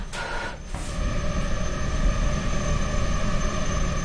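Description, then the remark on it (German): A swarm of female tiger mosquitoes, bred for research, buzzes steadily inside a white netting cube in a very warm, humid lab room, reacting by the dozen to CO2 after breath is blown in: a dense, high, layered whine holding constant over a low rumbling hiss, with a brief breathy puff at the start. “Jetzt aber reagieren die Mückenweibchen zu Dutzenden sofort auf das CO2”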